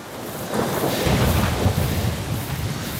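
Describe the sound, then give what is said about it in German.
A thunderstorm close overhead: a deep rolling rumble of thunder swells and lingers beneath steady, hissing rain, loud and continuous throughout with no voices. “Das Gewitter ist jetzt genau über uns.”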